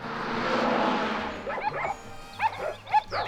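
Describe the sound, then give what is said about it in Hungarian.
A rush of broad noise fades, then several dogs harnessed to pull a cart bark in short, sharp bursts, a few yelps scattered unevenly, fairly loud. “az a harmadik kutya nem húz.”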